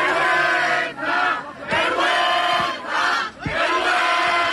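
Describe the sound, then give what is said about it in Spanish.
A large crowd of demonstrators shouts and yells in loud, surging waves during two consecutive police charges, with brief dips between bursts and a few sharp thuds or impacts cutting through the roar. “Los concentrados seguían adelante y justo en ese momento han comenzado dos cargas consecutivas.”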